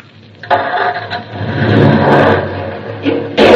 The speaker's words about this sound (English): No, all I'm going to do is start the car. Now, the starter.